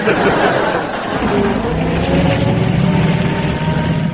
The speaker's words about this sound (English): Hello. Engine trouble.